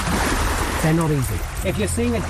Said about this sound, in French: Une dizaine de nageurs, de l'eau jusqu'à la taille, agitent une bâche au rythme des vagues.